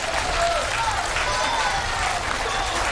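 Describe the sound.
Steady audience applause fills the whole stretch, a dense, even patter of many hands clapping at once, fairly loud, with faint crowd voices mixed underneath.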